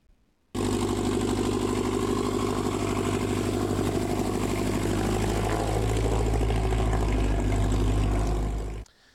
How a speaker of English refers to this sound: Rotors and motors were humming in northeast Nebraska yesterday for the annual fly-in breakfast. It's part of the Experimental Aircraft Association Chapter 569 event. 2 days of showing appreciation for flight at the Norfolk Regional Airport.